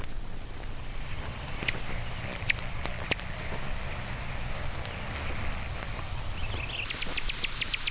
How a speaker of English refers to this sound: Alan's hummingbird.